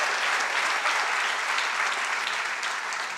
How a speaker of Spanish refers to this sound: Dale un aplauso al Rey por ese poder.